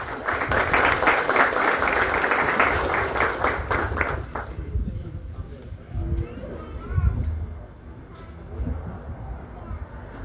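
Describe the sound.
A crowd applauds to welcome the president of the Board of Directors of the Agronorte cooperative, with dense, steady clapping for about four seconds. Then the applause cuts off and gives way to a low murmur of voices and shuffling.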